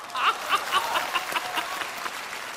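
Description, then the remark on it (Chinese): An audience applauds, a dense, steady patter of many hands clapping that rises quickly, holds for a couple of seconds, then eases slightly, with no voices over it. “桃花潭水深千尺，不及大家送掌声啊！”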